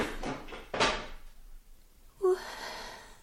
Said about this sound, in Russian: Что там за шум? Какой шум? Там кто-то стул опрокинул.